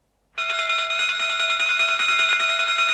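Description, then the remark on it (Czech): A loud electric bell, the first ringing, starts abruptly and rings without pause, its bright, steady metallic tone carried by a fast rattling buzz. No voices are heard. “Přišli jsme, jak jsme slíbili, Dmitrij Pavloviči, hned po prvním zvonění.”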